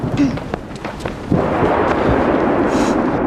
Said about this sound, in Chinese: 哎，是不是下雨呀，外边？ 没有啊，干打雷不下雨，都好几次这样了。